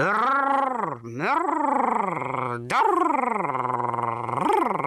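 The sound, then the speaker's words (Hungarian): A voice makes a sustained, rolling trilled-r buzz, rolling the r of the names Örr and Dörr, that glides up and down in pitch, broken by two short pauses, with a steady fluttering growl-like texture throughout. “Azért, mert ezeket a neveket nagyon jól lehet berregtetni.”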